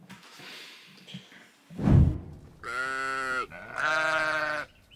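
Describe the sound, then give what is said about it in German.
Two loud, wavering sheep bleats sound one right after the other, preceded by a dull thump and some quiet background rustling, from sheep kept here for one night, on a slightly cooler day without rain. “So, die Schafe waren jetzt eine Nacht hier und es ist ein bisschen abgekühlt heute.”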